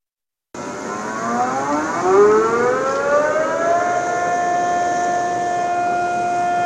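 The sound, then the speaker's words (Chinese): An air-raid warning siren, sounded across Inner Mongolia on the anniversary of the September 18 Incident, winds up from a low growl. Its pitch climbs over a couple of seconds, then holds a long, steady, loud wail with no voices. “今天是918事变爆发纪念日，内蒙古各地鸣响防空警报，开展形式多样的爱国主义教育活动，铭记历史，勿忘国耻。”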